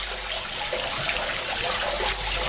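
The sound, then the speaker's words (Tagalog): Water trickles and splashes steadily into a street drain, a continuous flow with a soft, even hiss and no voices. “Ang mga kanal nga naa sa atong kadalanan, maoy hagbongan sa tubig, mauan man o ang ato mga ginamit nga tubig sa kabalayan.”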